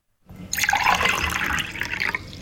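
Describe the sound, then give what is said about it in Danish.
Cold water pours steadily into a small and a large glass, a bright splashing stream that starts abruptly and keeps running for about two seconds with no talking. “Grunden til, at der er to lyd, det er fordi, jeg hældte op i et lille og stort glas.”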